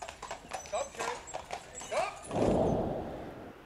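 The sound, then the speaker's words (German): Horse hooves clip-clop in a steady rhythm as visitors to a heritage museum farm in Eslohe, Sauerland, Germany, hurry along, with a broad rushing noise swelling up in the second half as the clopping continues beneath it. “Scheidemenge Pferdestärken in PS-Lohe. Die Besucher des Heimatmuseums Sterzschultenhof haben es eilig.”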